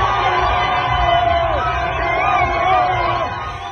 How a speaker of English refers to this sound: Some very generic sounding cheers right there